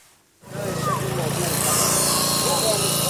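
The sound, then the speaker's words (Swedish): A power saw starts abruptly after a brief silence and grinds loudly and steadily through steel rebar and iron bars, a harsh, continuous metallic whine over a low motor drone, as rescue workers cut through a collapsed, bombed concrete building in Gaza. “Nu står han inför räddningsarbetare som sågar sig genom järnstänger och armeringsjärn.”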